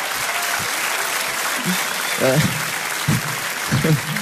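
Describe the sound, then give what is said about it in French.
Steady audience applause, starting after a long delay, fills the whole stretch, a dense hiss of clapping hands, with a few brief voices and murmurs rising over it now and then. “Un gros temps de latence sur ces applaudissements quand même.”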